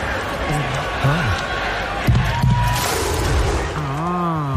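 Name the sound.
stadium crowd singing along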